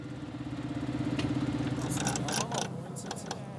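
tractor engine idling

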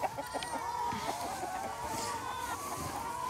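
hens clucking

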